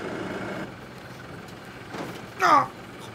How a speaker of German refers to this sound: Für seinen blauen Trecker hat er eine Ausnahmegenehmigung bekommen, um auf Hiddensee fahren zu dürfen.